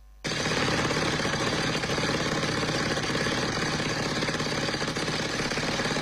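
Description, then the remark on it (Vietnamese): A concrete drill breaks large rocks in mountain forest at high points of the former Vị Xuyên battlefield, used by a Tuyên Quang provincial military team searching for fallen soldiers' remains; it starts abruptly and hammers continuously for several seconds, a loud, rapid, rattling pounding that stays steady with no voices over it. “Tiếng máy khoan bê tông vang vọng giữa núi rừng khi tổ công tác quy tập hài cốt liệt sĩ thuộc Bộ Chỉ huy Quân sự tỉnh Tuyên Quang phải phá những khối đá lớn để tìm kiếm dấu vết tại các điểm cao của chiến trường Vị Xuyên năm xưa.”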